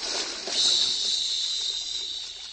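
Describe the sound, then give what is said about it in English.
A steady, sizzling hiss of strong punch eating through a glass punch bowl, swelling slightly after a moment and then holding at an even, moderately loud level with no voices. “Really dissolves in a hurry, don't it?”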